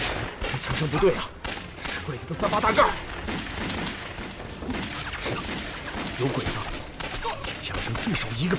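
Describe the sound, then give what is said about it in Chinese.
A sustained volley of Type 38 rifle gunfire from Japanese soldiers, at least a squad, many sharp overlapping shots crackling almost continuously, with a few shouted voices breaking through the clatter. “枪声不对啊，是鬼子的三八大盖！ 有鬼子，枪声最少一个班呢！”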